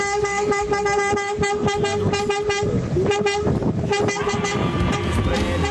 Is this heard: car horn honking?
yes